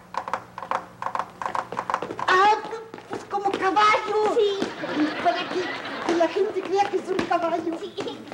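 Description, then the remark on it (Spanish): Quick rhythmic knocks tapped out on a guitar mimic a horse's galloping hoofbeats, a sound effect for the Charro Valiente's horse in a recitation of Las Aventuras del Charro Valiente, then people start talking and laughing over continued tapping. “Pero no es caballo, soy yo con la guitarra y la gente va a creer que es caballo.”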